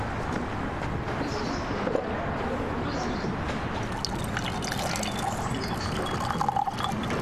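Longjing tea is poured steadily into a cup, a continuous trickle with faint splashing and dribbling, set against a soft background murmur.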